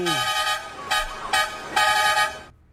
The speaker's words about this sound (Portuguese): Tem que chamar na buzina, né, produção? Não adianta e não adianta. A galera tem que chamar a turma na buzina, meu filho.